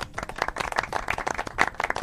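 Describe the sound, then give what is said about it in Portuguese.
A short burst of applause, many hands clapping at once in a dense, crackling patter that holds steady at moderate loudness for about two seconds, with no voices. “As músicas estão de volta, tá? Palmas.”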